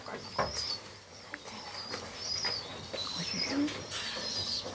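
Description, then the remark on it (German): An injured small bird with a drooping wing, brought to an animal shelter, chirps in short, high, thin calls repeated every second or so, with soft rustling and handling noises and a faint murmur of voices underneath. “Guck mal, wir haben hier einen Patienten für dich. Genau, der Flügel hängt.”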